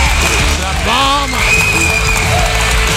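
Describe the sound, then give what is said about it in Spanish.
Loud, sustained applause, dedicated to a mother's recovery, fills the whole stretch as a dense, steady wash of clapping, with voices cheering and calling out over it. “Un aplauso fuerte.”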